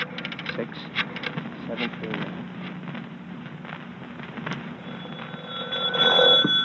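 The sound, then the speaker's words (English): A telephone being dialed to call the YWCA at Alvarado 6739, heard as a quick run of short clicking pulses, followed near the end by a steady ringing tone on the line, moderately loud. “Hurry, Riley. Phone the YW.”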